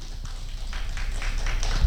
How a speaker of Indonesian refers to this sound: Tepuk tangannya.